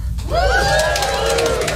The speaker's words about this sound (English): People in relationships, give me a cheer.